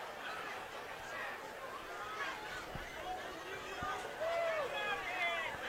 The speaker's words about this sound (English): Crowd waiting for the call.